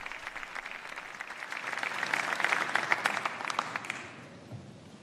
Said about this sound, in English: And we hear the sustained applause for Pope Leo's address to the civil authorities of Spain.